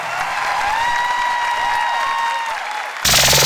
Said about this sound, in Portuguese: Uma salva de palmas